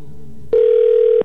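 After a brief stretch of faint background noise, a loud telephone ringing tone from a call placed live on the radio station Cristal 93.3 starts abruptly and holds steady for under a second before cutting off. There is no talking.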